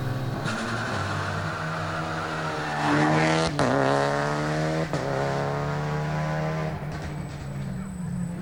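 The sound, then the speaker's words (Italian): Rally car engines roar loudly and continuously on special stage 4 (Lazio) of a rally, revving up in rising sweeps with sharp breaks between gears, a harsh, throaty drone that holds steady to the end. “Continuiamo intanto con le immagini della prova speciale 4 Lazio.”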